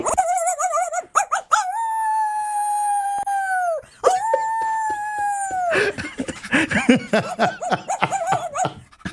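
A dog howls loudly, two long sustained wavering howls followed by a run of shorter yelping, whining cries, while listening to a telenovela.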